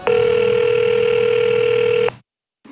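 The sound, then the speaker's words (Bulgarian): A telephone rings for Professor Dan Shechtman in October 2011, with one steady, loud electronic tone lasting about two seconds. It cuts off abruptly, followed by a short silence and the start of another sound. “Дан на телефона.”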